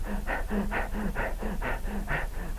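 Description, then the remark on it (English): A voice imitates the heavy, out-of-breath panting of people after about 10 minutes of screaming and rolling: rapid, rhythmic breaths alternating in and out, about three per second, steady with no words. “After about 10 minutes of screaming and rolling, they'd be out of breath. They'd be breathing like this.”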